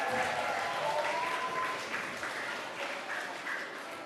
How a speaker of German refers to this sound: Einen kräftigen Applaus für die Goldabzeichen.